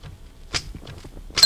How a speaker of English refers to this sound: That bell is on the typewriter. On the typewriter? Sure, see?